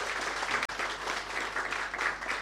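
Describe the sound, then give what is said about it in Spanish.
A crowd claps steadily for a couple of seconds to greet Chilean congressman Cristian Mella, member of the Health Commission of the Chamber of Deputies, a dense, even wash of many hands with no voices over it and only a tiny break partway through. “Por favor, un fuerte aplauso para él.”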